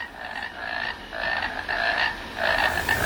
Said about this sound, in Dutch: We horen een concert van kikkers, maar wie zijn dat? Welke kikkers horen we hier? Schijftongkikker. Het is een oorverdovend lawaai.